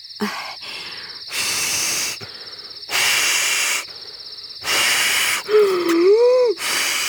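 Several long, forceful puffs of breath blown into a balloon marked with many small dots representing galaxies, inflated to demonstrate the expanding universe, separated by short pauses for inhaling, with a brief wavering rubbery squeak near the end.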